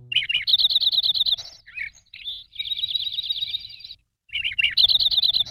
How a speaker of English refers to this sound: we're talking about sparrows that are passing through the valley. And the Lincoln sparrow is one we only get in the fall.